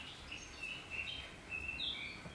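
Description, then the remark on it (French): Small birds chirping softly at Annette Messager's home, a scatter of thin, high twittering calls repeating over a quiet outdoor background, with no voices. “Tout ça au son des petits oiseaux de chez vous, Annette Messager.”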